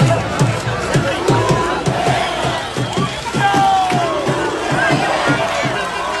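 A large crowd of thousands of fans roars and cheers in the streets of Motril during a celebration, as firefighters spray them with water from hoses; a dense wash of overlapping voices and shouts with rising whistles and calls, steady and loud throughout without pause.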